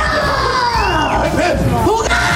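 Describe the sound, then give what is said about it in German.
A crowd of children playing pirates shrieks loudly all at once, measured at 91 decibels, overlapping high-pitched squeals and yells filling a sustained, dense burst of excited screaming. “Ja, und jetzt hatten wir sogar 91 Dezibel beim Kreischen.”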